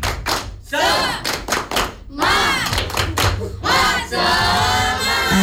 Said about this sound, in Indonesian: Kita akan melakukan tepuk semangat. Kalau semangat suaranya bagaimana? Kuat. Iya, harus kuat. Tepuk semangat.